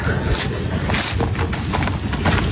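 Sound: horse hooves clip-clopping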